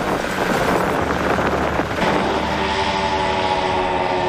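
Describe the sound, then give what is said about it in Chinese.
A military reconnaissance drone flies, scouting troop positions during an exercise, its steady motor hum carrying faint tonal whine beneath heavy, continuous wind rush. The sound stays loud and even throughout, with no voices. “推送无人机穿透侦察续兵态势。”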